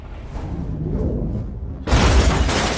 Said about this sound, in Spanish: La flecha explota, lanzando el auto por los aires en una enorme explosión.